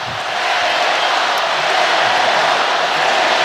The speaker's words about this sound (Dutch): Publiek moedigt, als ik dat goed begrijp, de Senegalezen aan.